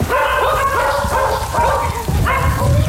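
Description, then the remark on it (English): Several dogs bark and yip in quick overlapping bursts, loud, with a steady bed of background music running underneath throughout, in a music interlude track from an album. “There's some background music. How many dogs are there?”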